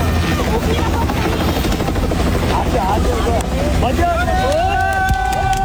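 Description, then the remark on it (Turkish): A helicopter supporting search and rescue work roars loudly and steadily, its thudding rotor and engine rumble filling the scene, with faint voices and a rising whine emerging toward the end. “Onların erişemediği noktada dronlar devreye giriyor, çalışmalara helikopterler de destek veriyor.”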